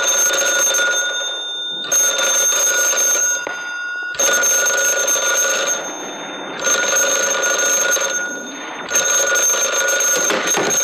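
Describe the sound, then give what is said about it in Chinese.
A loud telephone bell rings in long, continuous bursts separated by brief pauses, five rings in a row with a bright metallic jangle and no voices. “定，接电话。”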